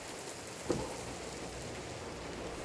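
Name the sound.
rain falling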